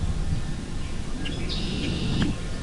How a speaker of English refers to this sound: So this beautiful green space on both sides of us. And hang on a second. Just listen to these birds.